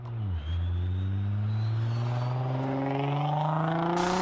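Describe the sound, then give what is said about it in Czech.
A vehicle roars along the main road through town in the Tylovice district, its engine dipping briefly then climbing steadily in pitch as it accelerates, loud and continuous, with no voices. “projíždějí po hlavním tahu městem i zatáčkami v místní části Tylovice.”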